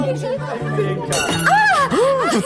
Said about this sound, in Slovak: A prečo rozbili ten tanier, Plavčík? No prečo, prečo? Tešia sa s nami, Julienka. Želajú nám veľa šťastia a láska.